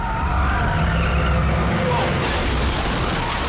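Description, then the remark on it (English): A police van roars at speed along the pavement past some shops, with loud engine rumble and a screeching skid of tyres, then goes under a height restriction bar, knocking off its lights; faint siren-like tones and a steady wash of road noise throughout. “Police van speeds along the pavement past some shops and then under a height restriction bar, knocking off the lights.”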